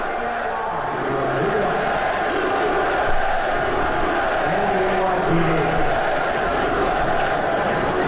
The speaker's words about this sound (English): I've got some sound from last night I want you to hear, because when they showed him on the Jumbotron, it was a mix of boos and cheers.